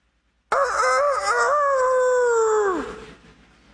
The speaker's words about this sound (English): For the rest of his life, Peter heard that rooster crow.